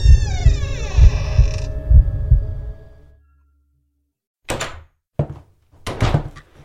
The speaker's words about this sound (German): Und mit einem lauten Knarren öffnete sich die Tür nach innen.